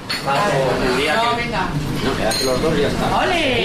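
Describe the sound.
Busy café ambience at the start of the day in a café in Logroño: overlapping indistinct chatter while cups, plates and cutlery clink repeatedly, a steady background of crockery clatter under the voices.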